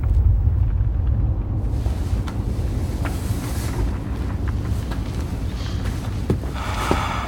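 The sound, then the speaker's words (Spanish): A deep, steady seismic rumble from an earthquake fills the scene, a heavy low roar that never lets up, with scattered faint cracks and rattles on top and no voices. “estamos aquí, en esta gran bolsa de aire que está rodeada de lava durante periodos de intensa actividad sísmica. Justo igual a esta.”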